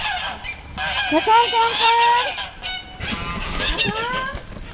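A flock of about 50 geese on the Wintringer Hof farm honking noisily, overlapping nasal calls rising and falling in bursts, with a brief lull in the middle before the cackling picks up again.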